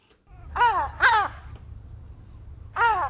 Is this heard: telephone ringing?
no